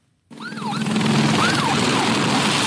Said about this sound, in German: Es sind die Szenen, die sich in Frankreich inzwischen alljährlich wiederholen. Die Sirenen, Motoren von Löschflugzeugen, Helikoptern und den Wasserpumpen der Feuerwehrfahrzeuge.